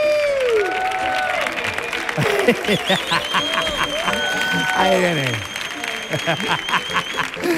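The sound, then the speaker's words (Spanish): A studio audience applauds steadily and loudly throughout, with scattered cheers and whoops rising over the clapping while a man briefly speaks above the crowd. “Fuerte el aplauso”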